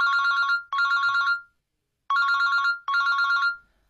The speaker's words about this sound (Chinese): 可是这个周六他却是被手机给吵醒的。